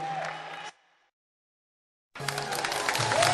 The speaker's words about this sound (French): Merci, merci, merci, merci, merci. Vos applaudissements me disent beaucoup de choses. Je suis sûr que vous l'aviez aimé.